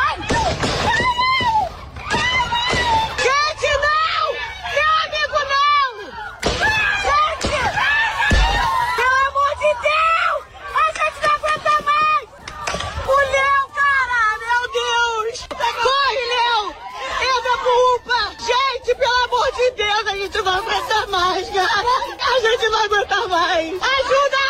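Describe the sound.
A crowd of bystanders shouts a man's name over and over, several loud, strained voices overlapping in an agitated, continuous clamour, with a couple of sharp thuds early on.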